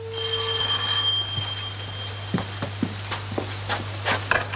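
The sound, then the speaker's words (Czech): A telephone rings during a call home with a bright, buzzing tone for about a second, then falls silent and gives way to scattered light clicks and taps, like a receiver being handled. No one speaks. “Pardon, budu se muset ještě na chvíličku zavolat domů, ať u mě vědí, kdy přijedu.”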